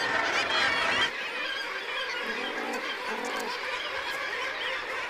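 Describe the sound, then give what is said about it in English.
A crowded gannet colony fills the air with a dense, continuous chorus of harsh, overlapping squawks and cackles, loudest in the first second, then steady and busy throughout with no talking. “They are going to try and raise young in one of the most crowded estates in the bird world.”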